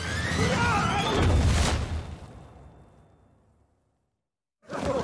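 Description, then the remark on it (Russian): The tsar's carriage, failing to stay balanced on its shafts, crashes heavily onto flour sacks: a loud, dense thud and rumbling clatter that slowly fades out over a few seconds into silence, before a brief burst of noise at the end. “Не удержавшись, экипаж падает на мешки с мукой.”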